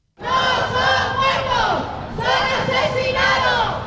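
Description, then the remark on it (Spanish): About fifty protesters chant loudly in unison at the doors of the Congreso, many voices shouting a rhythmic slogan in two surging phrases with a brief dip between them. Associations of victims and those affected by the DANA demand accountability from Carlos Mazón, shouting "asesino". “A les portes del Congreso, tres associacions de víctimes i afectats per la DANA han exigit responsabilitats a Carles Mazón, així com su ingreso en la cárcel al grito de asesino.”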